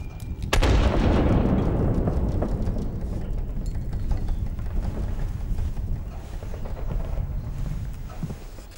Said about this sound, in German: Auf jedes deutsche Flugzeug antworten wir mit Kanonen.